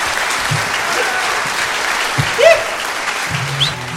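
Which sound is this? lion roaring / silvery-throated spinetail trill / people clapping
people clapping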